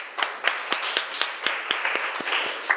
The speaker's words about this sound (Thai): ปรบมือให้เพื่อนของเราหน่อยค่ะ